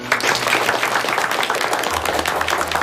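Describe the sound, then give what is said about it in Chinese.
Students break into sustained applause for a teacher's speech, a dense, steady patter of many hands clapping for a few seconds without pause. “同学们怎么还不鼓掌？”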